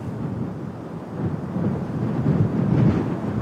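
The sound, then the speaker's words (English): Wind buffets the microphone on a windy balcony in the west of Kabul, a steady low rumbling roar that swells a little in the second half, with no voices. “Yes, and as you can see, you joined us here on a windy balcony in the west of Kabul”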